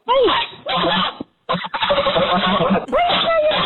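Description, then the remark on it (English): A young female goose named Umbra honks in a hoarse, raspy voice, giving several rough, gravelly calls one after another with brief pauses between, some rising and falling in pitch, fairly loud. “She sounds like she's been smoking 8 packs of cigarettes a day.”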